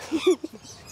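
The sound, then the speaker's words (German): An Amazon parrot gives a short, raspy, harmonic call lasting about a third of a second, followed by a few brief softer chirps, moderately loud with no talking. “Amazonenpapageien leben in den Tropen Mittel- und Südamerikas.”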